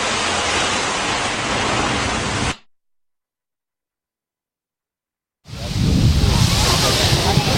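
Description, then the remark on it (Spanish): Loud, steady rushing of breaking waves on a beach at Salobreña, cut off abruptly by about three seconds of silence before the surf wash returns just as strongly. “Cada día lo emitimos desde este lugar que se convierte en el estudio durante 60 minutos, estudio de radio de la emisora municipal de Salobreña, Radio Salobreña,”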